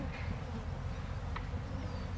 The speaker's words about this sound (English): When you open up the box, it first feels like they're singing to you. You just hear the start, you think, this is the buzzing.